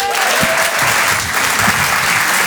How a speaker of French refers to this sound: Je vous demande de l'applaudir très très fort, s'il vous plaît, de l'encourager.